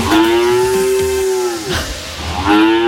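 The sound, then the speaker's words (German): A cow on a farm in Südlohn, Germany, moos loudly in a long, sustained low call, followed by a second moo starting near the end, with faint background noise and no talking. “Keine Sorge, ich kann noch normal Deutsch, aber wir sind heute Morgen zwischen Kühen auf dem Hof Hüske in Südlohn”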